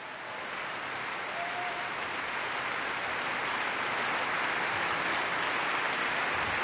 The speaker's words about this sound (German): Er kommt noch einmal auf die Bühne, verneigt sich und auch das ganze Orchester klatscht für ihn.